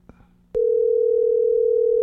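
A loud, steady telephone tone on a call forwarded to voicemail comes in abruptly after a brief muffled knock and holds unbroken to the end, one continuous pitch with no pauses or talking.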